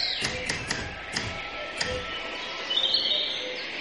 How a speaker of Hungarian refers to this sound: Kertben. Énekes madarak hangja szól.